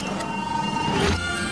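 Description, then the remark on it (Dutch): A steady electric motor hum with faint whining tones, then a brief louder mechanical whoosh and thud as sliding doors open. No one speaks. “Deuren gaan open.”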